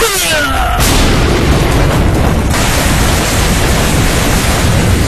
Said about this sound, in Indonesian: Langit tiba-tiba gelap. Hujan turun sangat deras. Beserta petir menggelegar.